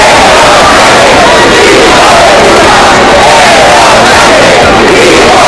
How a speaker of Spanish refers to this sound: cientos de personas han salido también aquí en Santiago a la calle al grito de Sánchez dimisión y entre insultos al presidente del gobierno.